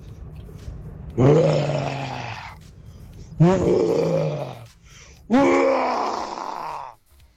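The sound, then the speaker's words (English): A person imitates a lion's roar three times as an entry in a radio station's best-roar competition, each a loud, low, gravelly vocal blast lasting about a second and a half, with brief pauses between them. “This is my take on the King of the Jungle.”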